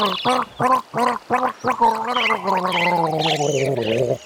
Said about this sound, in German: Raten Sie mit, was denn da gegurgelt wird.